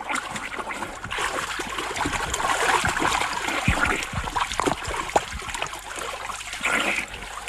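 Continuous water sloshing and splashing, with irregular little slaps and gurgles of a person swimming through a river toward a boat, steady throughout with no voices.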